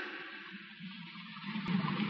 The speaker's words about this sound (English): Water. The mountain's busted open down there. How do you like it? Isn't that great? Listen to it. We're due to die of thirst, and there's tons and tons of water. A flood of it, just when we need it, just out of reach.